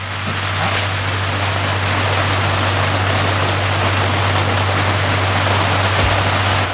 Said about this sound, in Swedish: Och då regnade det lite grann här inne, som dere hör.